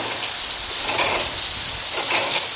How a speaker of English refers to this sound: Listen to the sounds of the mill. Outside, there's the sound of the water from the mill race running over the wheel.